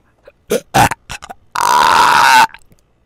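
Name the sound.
repeated loud burping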